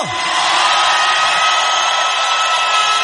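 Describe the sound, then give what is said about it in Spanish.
An audience shouts for joy, a dense, steady roar of many voices with whoops mixed in, staying loud and unbroken for about three seconds. “¿Cuántos pueden dar un grito de júbilo?”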